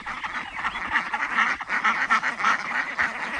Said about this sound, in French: Ça, ce sont nos canards coureurs indiens, qu'on appelle aussi la brigade anti-limace, voilà, qui s'occupe de manger un petit peu les protéines du jardin.